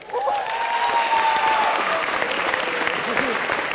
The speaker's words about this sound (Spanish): Un aplauso para la prepa.